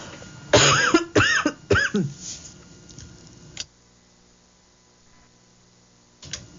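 A loud run of four or five harsh coughs in rapid succession from a preacher during a religious talk, then a few seconds of near silence broken only by a faint click or two.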